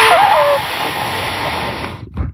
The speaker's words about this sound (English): This is what it sounds like when those who are subservient to Rod Bray sniff his butt.